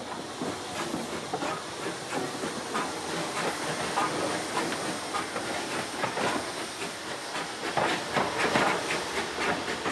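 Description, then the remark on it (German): A steam locomotive on the Rodange–Fond de Gras museum railway hisses continuously with broad, airy steam noise, punctuated by rhythmic chuffing bursts and faint rail clatter, steady throughout with no voices. “Sicher, eine Dampflokfahrt ist recht lustig, aber der Industrie- und Eisenbahnpark bietet noch mehr.”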